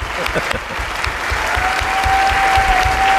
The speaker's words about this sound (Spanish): Un aplauso para Sergio del Molino, que se despide de Radioficción.